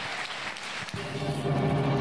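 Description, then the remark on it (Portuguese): A church audience applauds the name of the Lord Jesus Christ, a dense wash of clapping that swells and grows louder after the first second, with a steady low hum or tone running beneath it. No one speaks. “Deus é fiel, aplauda o nome do Senhor Jesus Cristo.”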